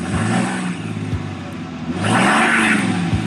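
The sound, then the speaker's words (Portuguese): A heavy truck engine rumbles loud, idling with a deep throb before revving harder midway, then settling back, with no voices present. “E esse é o seu caminhão, ou mais exatamente, a cabine do mesmo.”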